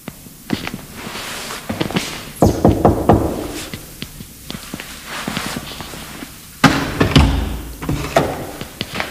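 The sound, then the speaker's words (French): Irregular sharp raps and thuds on the wooden door of an Antoinist temple, coming in loose bursts with louder knocks partway through, with faint shuffling movement between them and no talking. “Je vais essayer d'aller toquer à la porte.”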